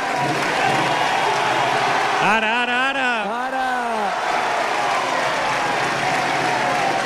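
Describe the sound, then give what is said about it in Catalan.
A dense, steady roar of crowd cheering and clapping fills the Plaça del Blat in Valls during the Sant Joan festival, after a human tower (castell) is completed, with a loud voice shouting a couple of rising calls partway through. “Com ressona la plaça!”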